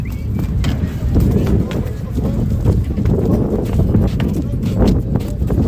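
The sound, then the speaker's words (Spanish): A convoy of many horses being loaded for transfer: hooves clop in an irregular flurry of muffled thuds as they walk off the sand, punctuated by sharper hollow knocks as they give a small hop up onto the ramp, over a steady outdoor background with faint murmuring voices. “Se oyen así esos cascos de caballos que dejan de caminar ya por la arena y dan un pequeño saltito cuando suben en la rampa.”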